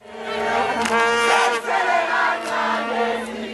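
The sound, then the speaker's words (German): South African football fans at home celebrate Bafana Bafana's 2:1 win over South Korea, a dense crowd cheering and shouting together in a loud sustained roar with bursts of yelling rising and falling over a few seconds. “Und auf einmal ist der Jubel in der Heimat ganz groß”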